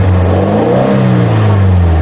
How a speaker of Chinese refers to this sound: 尤其是在夜深人静的地方，居民区周边的话，这种因为炸街车声音引起的扰民声，这种声音特别明显。